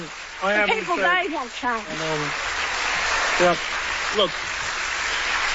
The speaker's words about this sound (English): So she certainly got a round of applause from the crowd,